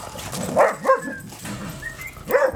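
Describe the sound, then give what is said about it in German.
Dogs playing together at a dog boarding kennel in Waiblingen, Germany, let out a few sharp, excited barks and yips in quick bursts, fairly loud, with softer whiny noises in between. “Und so sieht es dann aus, wenn die aufeinandertreffen. Erstmal Party.”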